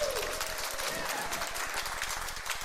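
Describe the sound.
An audience applauds steadily for a few seconds, a dense, even wash of many hands clapping at once, with some voices faintly mixed into the noise.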